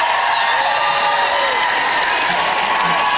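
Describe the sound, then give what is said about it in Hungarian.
An audience at a church sermon applauds and shouts after being invited to stand and shout, a steady wash of clapping with excited voices rising through it, loud and unbroken for the whole few seconds. “Nos, akár fel is állhattok, és kiabálhattok.”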